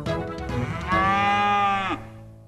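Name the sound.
cow mooing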